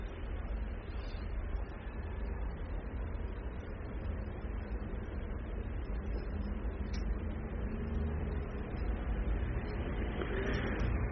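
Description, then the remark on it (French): Dense city street traffic rumbles steadily on boulevard Saint-Germain, a continuous wash of engines as cars pull away: a red 2CV, a DS with a chauffeur, many private cars, a taxi, a moped, a van and a truck. It grows slightly louder toward the end, with no voices. “Les voitures redémarrent boulevard Saint-Germain, une 2 chevaux rouge, une DS avec un chauffeur et un conduit.”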